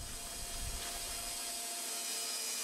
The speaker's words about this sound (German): Danach zeichnet er die Bohlen ein und startet die Säge.